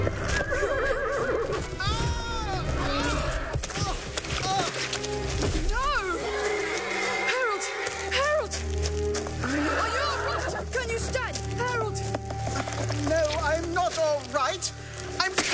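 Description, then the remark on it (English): A mare whinnies and neighs repeatedly, loud, while being ridden hard toward a jump, over a steady backdrop of hooves clopping and scuffling, with muffled voices mixed into the busy noise throughout. “I fell soft, but I'm afraid the horse is damaged.”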